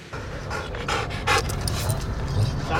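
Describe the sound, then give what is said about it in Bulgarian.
A trained military dog named Timo, used by elite special operations fighters in a demonstration of neutralizing a terrorist, pants in quick, rhythmic breaths, a steady series of airy huffs over a low background rumble, with no one speaking. “Елитни бойци от съвместното командване на специалните операции демонстрираха как обезвреждат терорист с помощта на обучено куче.”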